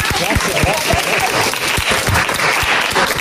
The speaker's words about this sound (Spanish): Bueno, pero yo creo que el aplauso mejor es para los oyentes, que son los que nos han soportado semana tras semana.